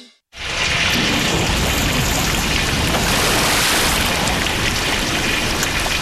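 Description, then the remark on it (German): Heavy rain pours down in a thunderstorm, a dense, steady roar that starts abruptly after a brief silence and stays loud throughout, with deep rumbling underneath and no voices. “Jetzt steht mein ganzer Keller unter Wasser.”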